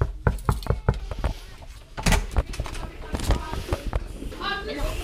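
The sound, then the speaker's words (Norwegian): A series of sharp, quick knocks on the door of class 3B at Lærvik school, fairly loud, followed by rustling, clattering movement and indistinct voices as the door seems to open. “Nå står vi på utsiden av klasse 3B her på Lærvik skole, og vi banker på.”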